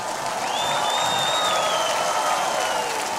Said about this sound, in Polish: Zróbcie brawa dla naszych bohaterów.